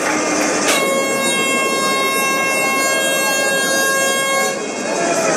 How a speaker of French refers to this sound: La sirène qui retentit.